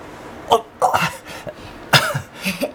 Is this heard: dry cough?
yes